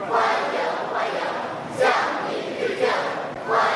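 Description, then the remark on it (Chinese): Outside the north gate of the Great Hall of the People, young people lining the road cheer loudly and continuously in greeting to July 1 Medal recipients, their voices rising in rhythmic surges about once a second, like enthusiastic chanted greetings from a dense crowd. “人民大会堂北门外，礼宾分列道路两侧，青少年热情欢呼致意。”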